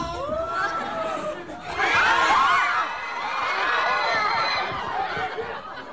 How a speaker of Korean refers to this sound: 영화 속 좀비들이 영화관에 직접 등장하자 깜짝 놀란 관객들이 비명을 지릅니다.